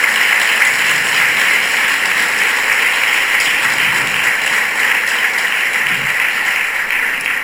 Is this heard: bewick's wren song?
no